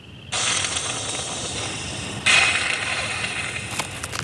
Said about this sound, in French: On dirait qu'elle crache et qu'elle siffle. Nous sommes aux États-Unis, dans une plaine de l'État de Virginie, parsemée de ranchs et de bosquets. Ces cris sont donc certainement les feulements d'un opossum.